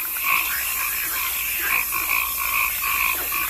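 Swamp ambience filled with a chorus of croaking frogs, their calls pulsing repeatedly over a steady, hissing backdrop of night insects and wetland noise, with no one talking.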